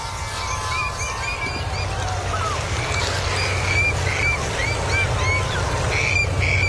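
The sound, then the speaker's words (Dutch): A low, steady engine drone of seagoing ships sailing on the Scheldt at Vlissingen rumbles continuously, while birds foraging on a small, freshly exposed beach by the sea dyke call and chirp intermittently in the open air. “Terwijl het carillon van de Sint-Jacobskerk in het centrum van Vlissingen een deuntje speelt, de zeeschepen over de Schelde varen, zitten vogels op een net drooggevallen mini-strandje met wat rotsen van de zeedijk te fourageren en roepen van plezier.”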